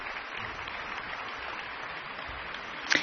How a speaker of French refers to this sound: Le public applaudit les musiciens dans cette partition composée en 1785.